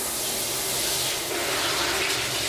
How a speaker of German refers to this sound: Unter der Dusche. Wird sich noch ein bisschen eingeseift.